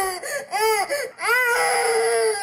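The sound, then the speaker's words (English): A baby cries in loud, high-pitched wails, a few short rising-and-falling bursts followed by one long sustained howl, with no talking over it. “These are the worst sound, the baby crying.”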